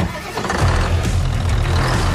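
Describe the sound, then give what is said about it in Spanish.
A heavy tractor engine turns over and catches, settling into a loud, steady diesel rumble that continues to the end with no voices. “Si buscas un tractor fuerte, eficiente y listo para cualquier terreno, elige New Holland.”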